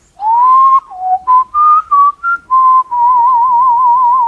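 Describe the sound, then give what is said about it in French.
A person whistles a bird-like melody imitating a nightingale: a long rising note, then a quick series of short chirping phrases, ending in a sustained warbling trill, clear with no talking. “Ça, c'est la mélodie du rossignol.”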